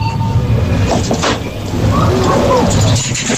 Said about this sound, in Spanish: Una máquina de dispensar, sí, de alimentos, vending, ¿no? Refrescos, de vending. Echas pero con monedas.